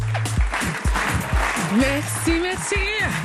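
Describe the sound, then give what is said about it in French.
A crowd claps steadily throughout, a dense wash of applause, while voices call out and talk loudly over it, everyone clapping at the same time for World Clap Day. “Et si on applaudissait tous en même temps?”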